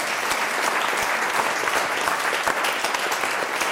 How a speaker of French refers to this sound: Bravo, madame! Ah, on l'applaudit, oui. On applaudit, madame. Bravo!